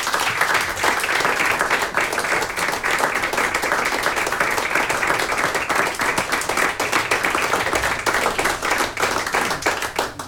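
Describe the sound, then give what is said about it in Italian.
Sustained applause from a large audience at a live concert for the RTV Slovenia Symphony Orchestra and conductor Mojca Lovrenčič, dense and steady clapping at an even loudness for about ten seconds with no voices standing out. “Un altro grande applauso ci sta?”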